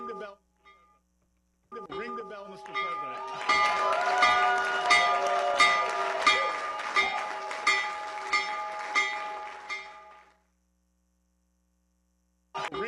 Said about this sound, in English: President Trump rang the opening bell for the New York Stock Exchange from the White House today as he touted the Trump accounts that are now available.